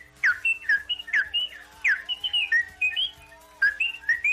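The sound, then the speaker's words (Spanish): Someone whistles an imitation of a goldfinch's song: quick bursts of bright chirps, twitters and trills in lively repeated phrases, clear, with no talking. “¿Cuál jilguero en primavera? ¿Cuál jilguero en pleno apogeo?”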